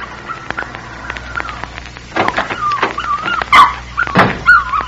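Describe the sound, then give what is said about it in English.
A puppy whimpers in thin, high whines, then breaks into a run of sharp yelps mixed with more whining, growing louder toward the end, as a little girl kneeling over it pulls small tufts of hair from its body. “As I approached the house, I saw a little girl kneeling over a puppy. She was engaged in the dubious pastime of pulling small tufts of hair from its body.”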